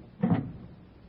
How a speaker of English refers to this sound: a woman walks down the street, up the steps to number 644, takes out a latch key, opens the door, and walks into the apartment as the clock strikes 8.